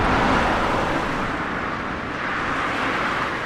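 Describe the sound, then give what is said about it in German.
Heavy trucks rumble past on Stubenrauchstraße, a linden-lined inner-town avenue forming part of the B96 in Zossen, Brandenburg, about an hour south of central Berlin; a loud, steady roar of engines and tyres that fills the whole stretch without letting up. “Laster donnern im brandenburgischen Zossen, etwa eine Stunde südlich vom Berliner Stadtzentrum entfernt, durch die beschauliche Stubenrauchstraße.”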